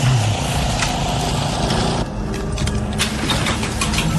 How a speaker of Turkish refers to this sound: Çim biçme makinesi yüzünden hiçbir şey duyamıyorum tanrım.